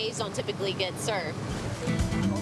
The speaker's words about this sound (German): Was für eine Welle! Durch die Verdrängung saugen die Schiffe viel Wasser vom Riff. Dann wird's schnell flach.